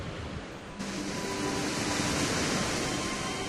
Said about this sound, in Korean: 태고의 기억을 품은 돌기둥을 따라 거센 물보라가 피어오르는 폭포 곁으로 조심스레 걸음을 옮겨봅니다.